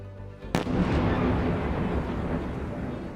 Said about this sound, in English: Fires and explosions across Ukraine's capital, where Russian strikes have killed at least 9 people.